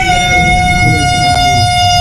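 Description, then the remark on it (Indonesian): A loud siren signalling the breaking of the fast blares in one long, steady tone for the whole moment, unwavering in pitch, with a low background rumble and no voices. “Begitu saya tausiah, langsung berbunyi sirine buka puasa.”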